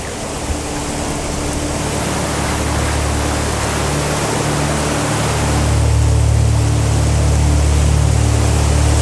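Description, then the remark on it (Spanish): A dense, continuous roar of a rising river in flood and heavy rain at a kingfisher nest, steady, swelling slightly louder toward the end with a low rumble underneath and no voices. “Su padre intenta alcanzarlas, pero solo puede observar y esperar que baje el agua.”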